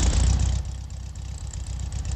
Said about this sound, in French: Elle chante, vous entendez ce petit clic, clic, clic, clic, clic, clic, clic, clic, clic. Il n'y a pas d'autres voitures qui font ce bruit-là.